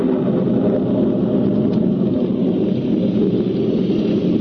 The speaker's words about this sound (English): Soon afterwards, it began to rain. Then a cloudburst hit.